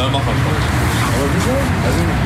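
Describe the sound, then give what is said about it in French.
A second police car's engine rumbles steadily as it arrives in Germany, mixed with broader road noise, while people talk over it throughout the short stretch. “Regarde, une deuxième voiture qui arrive, ça veut dire que c'est la routine.”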